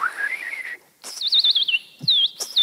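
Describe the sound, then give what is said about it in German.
A man whistles imitations of forest birdsong: a rising warble, then quick repeated chirps and trills in short bursts, fairly loud, with a brief low thump near the end. “Vogelimitator auch noch”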